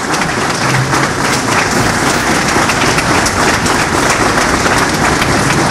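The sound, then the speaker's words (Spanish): Loud, sustained applause from a crowd at a press conference as former minister of foreign affairs Manuel Rodríguez Cuadros is introduced, a dense wash of clapping that holds steady throughout with no voices standing out. “Fuertes aplausos.”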